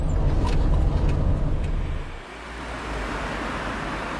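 Steady low rumble of engine and road noise inside a moving car, loud and continuous, easing briefly about halfway through as if the car slows or shifts, then settling again. No voices.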